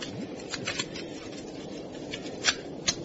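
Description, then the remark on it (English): Soft, papery riffling of a deck of playing cards being shuffled, with a steady rustle broken by a few sharper flicks and snaps, fairly quiet, with no voices. “Now, I want you to pick out all the aces from this pack of cards. Shuffle them?”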